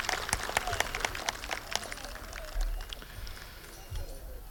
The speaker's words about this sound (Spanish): Ese aplauso más grande, por favor, si estamos de fiesta en el día de hoy. Eso. Muchas gracias.